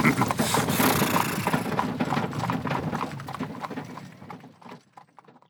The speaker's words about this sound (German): Auf ein Zeichen der kleinen Hexe zogen die Pferde gehorsam an.